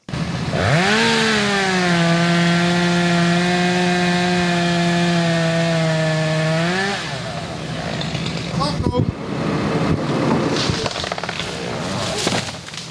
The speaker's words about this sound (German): Kettensägen wird man in den kommenden Monaten noch oft im Stadtwald von Hörkranzhausen hören.